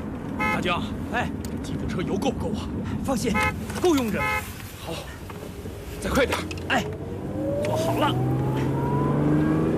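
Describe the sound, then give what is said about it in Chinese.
A jeep engine revs hard and accelerates as the jeep is driven fast back toward Pyongyang, its pitch climbing steadily toward the end, loud throughout, while several voices talk and call out over the roar in the first half. “东三号交给汽车兵转运，咱们要马上开吉普车返回平壤，再开动5号专列。”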